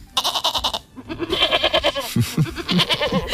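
Goats bleat repeatedly as they get onto a city bus as passengers, several wavering, nasal cries overlapping in quick succession, fairly loud and without any talking over them.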